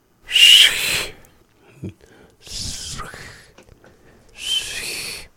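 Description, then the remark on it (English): Three hissy bursts of a spoken 's' sound in a recorded speaker's word meaning 'bad', fairly loud, the first carrying a thin high whistling tone inside the sibilance, with brief pauses between them. “Little bit of a whistle there.”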